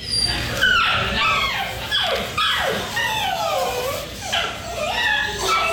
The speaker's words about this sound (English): So I secretly started recording in the waiting room so you could hear the dog. Okay. Nothing was happening. This guy was checking out, and there was an elderly dog